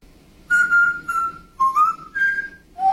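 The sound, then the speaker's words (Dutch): A parrot named R2 whistles a short melody, the Mario tune, in clear, pure tones: a few sustained notes with brief gaps, stepping between pitches, fairly loud with no talking. “Oké, dus we hebben een voorbeeld van een papegaai die Mario zingt.”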